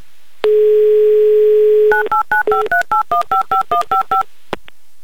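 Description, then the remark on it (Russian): A steady dial tone hums for about a second and a half, then a quick run of eleven or so short two-pitched touch-tone beeps as a number in the city of Oryol is dialed for the Humor FM live radio game "Car for a Smile", ending with a faint click. “И вот сейчас в город Орел мы звонить и будем.”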